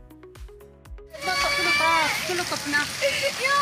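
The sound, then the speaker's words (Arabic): Heavy rain from an autumn rainstorm in northern Syria drums steadily and densely on a displaced family's tent after a brief opening of scattered knocks, with a girl crying as rainwater enters the tent and other voices rising over the downpour. “فخلال المنخفض الجوي الأخير والعاصفة المطرية الخريفية التي أصابت الشمال السوري، انتشر مقطع مصور لطفلة تبكي بسبب دخول مياه الأمطار إلى خيمة عائلتها.”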